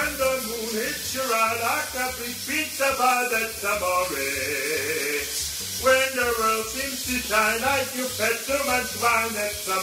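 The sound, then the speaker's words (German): A man sings a wandering, sustained melody in a full voice in a tiled shower in the morning while the shower runs underneath, its steady water hiss continuing throughout the ten-second stretch. “Hier eine kleine Aufnahme von heute Morgen bei mir unter der Dusche.”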